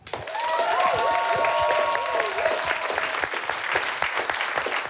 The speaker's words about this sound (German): So, liebes Publikum, ihr seid wieder gefragt, wer hat dieses Drama gewonnen? Applaus für Thülin.